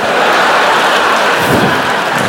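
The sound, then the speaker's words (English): A loud, dense shower of nickels thrown at a person, pelting down in a steady, continuous clatter for a couple of seconds, with no voices. “Ow! Are those nickels?”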